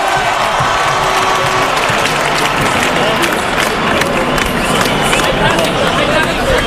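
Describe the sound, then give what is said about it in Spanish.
A live audience breaks into sustained applause for Aitana, one of the world champions, dense clapping at steady volume for several seconds, with crowd murmur and a few cheers mixed in. “Un aplauso para Aitana, por favor.”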